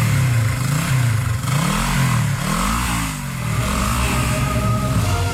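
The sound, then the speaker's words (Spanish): A motorcycle taxi's engine revs loudly, its pitch climbing and dropping in repeated surges as it accelerates quickly, with no voices over it. “El mototaxista, que también tenía miedo que le cascaran a él, aceleró rápido la moto, el motorratón.”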